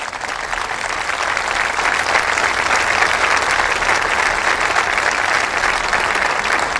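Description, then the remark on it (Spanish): A large audience, moved by a migrant trafficking victim's testimony read aloud, applauds steadily, a dense wash of clapping that holds at full strength for several seconds without pause or voices on top. “Aquí escuchamos los aplausos del público emocionado por ese testimonio.”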